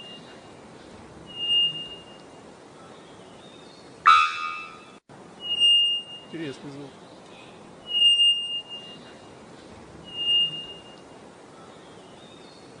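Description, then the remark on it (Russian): A bellbird calls several times, high piercing whistles repeating every couple of seconds, one phrase ending in a loud, sharp metallic clang like a struck rail. A voice briefly comments. “Теперь понятно, почему он звонарь называется, да? Потому что такое впечатление, что там в какую-то металлическую рельсу кто-то бьет.”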